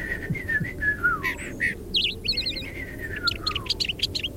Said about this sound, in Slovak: Rastú v nej stromy a na jednom z nich sedel malý vtáčik. Prekrásne spieval.